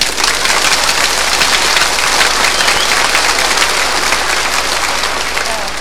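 An audience, prompted by a host, breaks into frenzied applause, a dense, continuous wash of clapping that stays loud and steady for about six seconds without anyone speaking.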